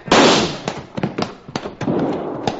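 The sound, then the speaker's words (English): A loud, sharp gunshot blast with a rumbling tail, followed by a quick series of fainter cracks and pops spread over the next two seconds. No one speaks. “Don't let him fire at Cherokee.”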